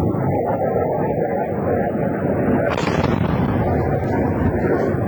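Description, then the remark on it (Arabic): A plane going down in video footage that media reported shows a Jordanian fighter jet shooting down a drone during the 12-day war between Israel and Iran: a steady, loud roaring rumble with a sharp, hissing burst partway through, like a crash or blast, and voices shouting faintly underneath. “يا الله يا الله، وقع الطيارة.”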